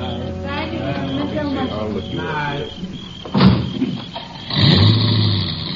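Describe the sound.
A car drives off at sundown as the last guests leave a house: muffled voices at first, then a door-like thud and an engine rumbling up and pulling away.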